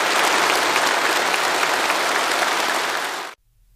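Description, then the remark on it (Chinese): Sustained, dense applause from a large crowd at China's national science and technology awards ceremony, loud and steady for about three seconds before cutting off abruptly into silence, as Xi Jinping delivers an important speech. “在热烈的掌声中，习近平发表重要讲话。”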